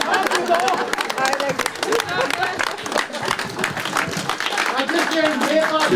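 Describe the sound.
An audience applauds steadily throughout after a music concert with several encores on a Sunday afternoon at the Alte Schmiede, a dense wash of many hands clapping, with crowd murmur and a few voices mixed into the continuous clapping.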